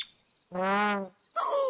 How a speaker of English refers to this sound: Oh, so the sound wasn't coming from a dinosaur. It was coming from this bird.